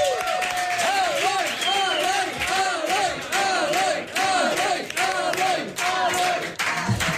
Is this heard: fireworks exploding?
no